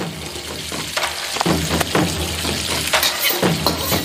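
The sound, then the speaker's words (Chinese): Yanlaixun wild mushrooms and cured pork sizzle in a hot wok as the pork renders its fat, a steady crackling fry punctuated by several scraping, tossing stirs, fairly loud with no talking; an autumn dish of Lishui. “菌菇吸饱了腊肉的咸香，在锅中欢快翻滚。”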